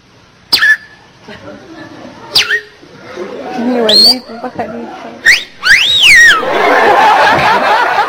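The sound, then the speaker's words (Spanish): A person whistles birdlike calls, imitating a flirtatious female bird: a few short, sharp chirps, then a longer swooping whistle, interspersed with breathy vocal sounds and soft noise. “Y la pajarita toda coqueta le comienza a silbar, ¿no?”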